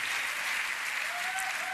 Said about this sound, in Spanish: Apláudale fuerte a Él en esta noche. Él es fiel.